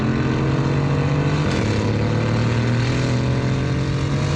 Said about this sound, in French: Et le troisième, c'est le mode track. Là, c'est très énervé. Oh, oh, oh. Là, on entend bien le V8 biturbo rugir.